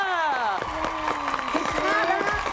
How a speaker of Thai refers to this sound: นี่เขาเสียงปรบมือ